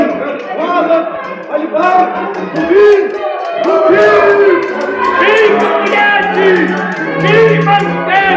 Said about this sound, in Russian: Что тут за крик?